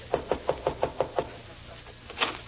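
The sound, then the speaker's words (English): Seven quick, evenly spaced knocks on the door of a house in a steady rhythm, followed by a brief quiet stretch and a faint muffled sound. “I beg your pardon, but could you open the door just a bit wider?”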